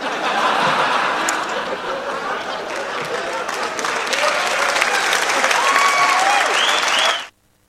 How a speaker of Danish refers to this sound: Ja, det må man gerne klappe af.